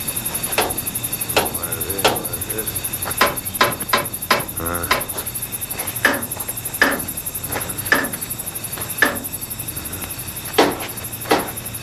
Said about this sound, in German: Lukas holte den Werkzeugkasten, nahm einen besonderen Hammer heraus und beklopfte vorsichtig und schweigend jedes Rad und jede Schraube an der alten Emma.